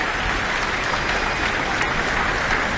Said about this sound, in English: She's back, taking in a bit more of the applause here at the Auckland Town Hall. From the audience as well as her fellow musicians on stage.